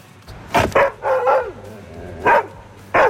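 A Belgian shepherd dog named Danger barks outside on the Ring in front of the Burgtheater at the Eurovision Village, in loud, irregular bursts: two quick barks, a longer drawn-out yowling bark, then two more single barks separated by pauses.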